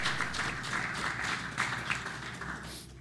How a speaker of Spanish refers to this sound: Si le va a aplaudir, apláudale fuerte. Si le va a aplaudir, apláudale fuerte.